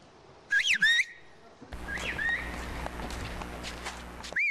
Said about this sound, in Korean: 너무 천천히 간다고 네. 빨리 가라고 휘파람 부르시니까 뛰어가고 계세요 저기.